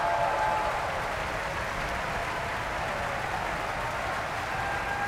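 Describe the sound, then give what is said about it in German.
Sustained applause from a large opera audience at Bayreuth for the Finnish bass Mika Kares after Götterdämmerung, a dense, even wash of clapping hands at a steady level throughout, with no voices standing out. “Viel Applaus jetzt für den finnischen Bass Mika Kares.”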